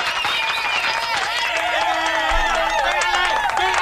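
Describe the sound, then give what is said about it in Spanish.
Steady audience applause with crowd cheering and whistle-like tones running through it, loud and continuous for the whole stretch without letting up, at Restaurante Fiesta Tejana on Prospect Boulevard in Frederick, Maryland, as a tribute to a singer who had died hours earlier. “Aplausos para despedirlo hasta el cielo.”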